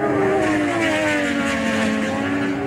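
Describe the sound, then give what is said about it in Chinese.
A racing motorcycle from Chongqing maker Zhang Xue Motorcycles, at the 2026 World Superbike Championship, roars loudly and steadily at high revs, its pitch wavering slightly as it holds the throttle, with no talking. “6月13号，来自中国重庆的摩托车制造商张雪机车在2026世界超级摩托车锦标赛上再次夺得分站赛冠军。”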